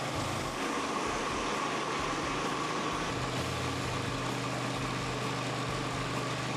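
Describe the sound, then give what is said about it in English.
A concrete floor grinder, fitted with blades the crew picked, runs steadily, slow and steady over a floor, its motor giving a constant low droning hum under a broad gritty whir, loud, with no voices throughout. “Well, now it's just a matter of going slow and steady, but look at the difference in the floor after the grinder has gone over it.”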